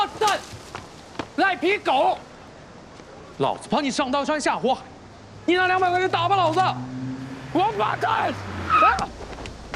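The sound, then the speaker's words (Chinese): A car brakes hard with a sustained squealing skid and a low engine rumble near a pedestrian, while people shout loudly in Chinese over it. “你会不会开车？ 不，你不长眼啊你！ 你像赔钱，你撞了我了！”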